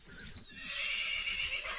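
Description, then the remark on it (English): A mare whinnies loudly, a sustained high, wavering neigh that swells and holds for nearly two seconds, with faint low thuds underneath. “But you will get better, won't you, girl?”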